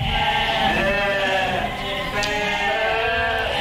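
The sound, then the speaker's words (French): A flock of sheep bleats continuously, many overlapping wavering calls forming a loud, dense chorus with no pauses, a few sharper bleats standing out above the rest. “au milieu de ce magnifique troupeau.”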